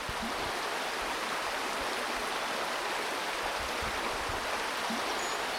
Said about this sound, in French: Les eaux de la rivière, le Merdereau.